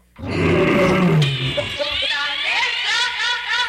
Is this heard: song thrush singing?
no